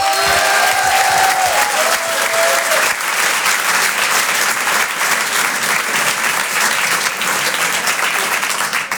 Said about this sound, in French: Je vous demande de l'encourager, de l'applaudir très chaleureusement.